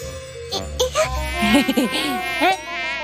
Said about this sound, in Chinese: 蚊子。好痒啊！要是冬天来了，就没有什么蚊子了。